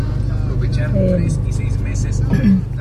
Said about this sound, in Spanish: Hay un poquito de tráfico, calzada y plan de Ayala.